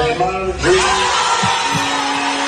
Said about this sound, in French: La salle explose de joie.